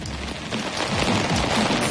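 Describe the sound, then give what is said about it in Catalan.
Heavy rain pours down on an umbrella in a dense, steady hiss with scattered patters, drumming on its taut surface, in the area around Tortosa, Baix Ebre and Montsià; it grows slightly louder midway and continues without any voices. “Que veig sota el paraigua i amb una pluja abundant, eh?”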